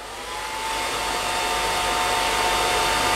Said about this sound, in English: It was a hair blow dryer. It most certainly was a hair blow dryer.